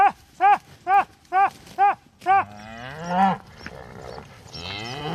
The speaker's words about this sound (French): Et un autre troupeau de vaches, cette fois, vient d'arriver. Ces vaches qui cohabitent avec les bisons.